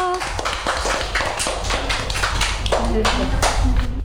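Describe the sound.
A group of children applaud a child who has just spoken, clapping in a quick, uneven patter of sharp slaps that keeps going steadily, with faint voices murmuring underneath.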